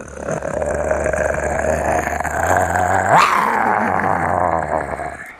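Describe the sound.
A person imitates a tiger, an animal beginning with the letter T, with a sustained, rumbling growl lasting several seconds, loud, rising briefly into a harsher roar-like swell near the end before trailing off.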